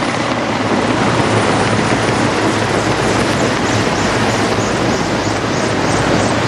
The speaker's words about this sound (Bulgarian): Да, съвсем естествен рефлекс е, когато чуем такъв звук, да се обърнем и да видим хеликоптерите. Ето ги.